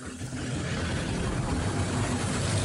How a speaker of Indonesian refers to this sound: Niat jalan-jalan, motornya malah mogok.